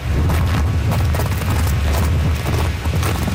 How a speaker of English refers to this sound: Oh God, the wind would take you away. Okay. Newfoundland is one of the windiest places in the world.